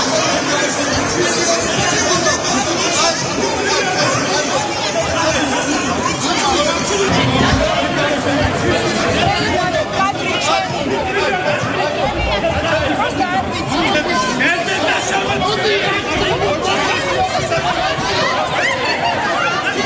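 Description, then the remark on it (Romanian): A loud, agitated crowd clamors nonstop, many overlapping voices shouting, with sharper bursts of commotion breaking through now and then: a brawl among members of the Parliament of Georgia, trading punches and slaps after the prime minister presented the government's annual report. “O încheierare în toată regula în Parlamentul Georgiei”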